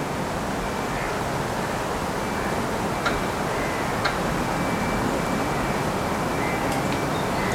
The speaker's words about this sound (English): Two oaks creak, and the train moves by, and chains from a fence rattle in distance.